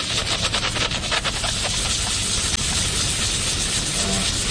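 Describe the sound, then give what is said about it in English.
A steady, loud hiss of a steam gum-removal machine blasting steam and injecting a chemical onto gum stuck on pavement, continuous for several seconds with a broad rushing texture and faint low rumble beneath, no talking. “And what we do is turn on the steam button. We place the steam right on the gum and inject the chemical and motion.”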